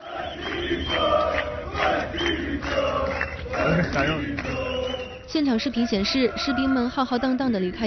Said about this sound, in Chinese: 现场视频显示，士兵们浩浩荡荡地离开营地，不少人吹口哨起哄，并大喊“所有的军官都见鬼去吧”，以及各种针对指挥官的低俗口号。